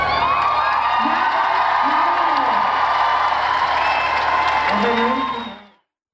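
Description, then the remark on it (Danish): A large crowd at the year's final Grøn Koncert in Valbyparken applauds and cheers continuously at high volume as a singer leaves the stage after his last show as frontman, with whoops and shouts rising above dense clapping for about five seconds before it cuts off abruptly. “Og han blev klappet ud.”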